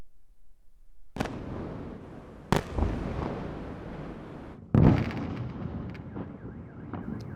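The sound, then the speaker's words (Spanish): Three heavy explosions from a Russian missile and drone attack on Kyiv, Ukraine, boom out at irregular intervals, each a sharp, loud blast followed by a long rumbling, crackling tail that fills the gaps between them. No one speaks. “Miles de misiles y drones rusos asedian la capital en uno de los mayores ataques de este año.”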